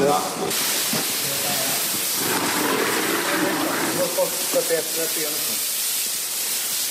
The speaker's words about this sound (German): Auftritt ein Arbeitstrupp, bestehend aus 4 Männern mit Kübeln, Kanistern, Bürsten und Schläuchen. Sie schäumen den Zug jetzt ein, schrubben, spülen ihn wieder ab und das mehrfach.